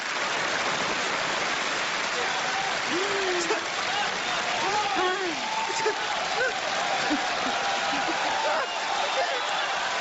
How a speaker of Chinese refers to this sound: 这都做了4个小时了，人家说累了吗？就这样仍然坚持鼓掌。